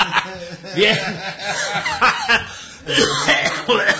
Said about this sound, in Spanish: Bien, nosotros también tosemos, ¿eh?